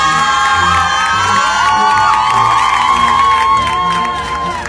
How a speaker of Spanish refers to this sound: Bueno, un aplauso, José María Morelos y Pavón.